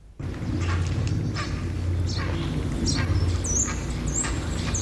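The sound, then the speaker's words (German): Harsh, croaking calls of grey herons repeat irregularly over a steady low rumble, with occasional higher chirps from smaller birds, at a nesting colony by the Altrhein, heard from beneath a tree holding six occupied nests. “Das sind eigenartige Schreie, die ja, Reihe an sich.”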